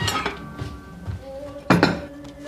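Dishes and cutlery being set out: a series of clinks and clatters with ringing tones, the loudest sharp clank near the end, then lighter taps as the pieces settle.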